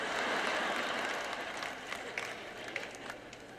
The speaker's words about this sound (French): C'est vraiment drôle quand je suis sur cette plateforme. J'écoute qui applaudit à quel point c'est fort et qui me regarde comme